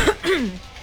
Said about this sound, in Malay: Biasa je. Aku dah biasa dah batuk-batuk ni. Minum air masak, okey lah nanti.